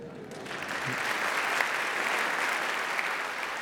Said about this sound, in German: Wie der Applaus zeigt, schätzt das Publikum im HR-Sendesaal die Arbeit von ….